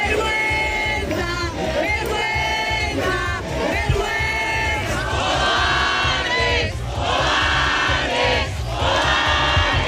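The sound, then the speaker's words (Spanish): A dense crowd of protesters shouts and chants together in the street in front of an elderly woman's doorway, protesting against an investment fund, with police present; many voices rise in rhythmic waves of loud, sustained yelling with no pause for the full stretch. “Es el grito de la calle hoy frente a la voracidad de un fondo de inversión y la incapacidad política.”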